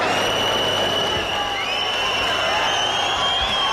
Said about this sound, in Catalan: Per cert, que fa una estona s'han sentit xiulets com aquests.